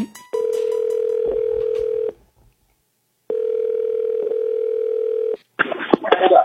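Two long, steady ringback tones pulse through a phone line with a pause between them as a K97.5 radio host places an outgoing call to give away a Wingstop watch party, followed by a brief burst of line noise as it connects.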